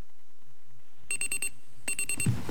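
An alarm clock rings in two quick bursts of rapid, high-pitched electronic beeping, separated by a brief pause after a near-silent opening, loud and close with no one speaking.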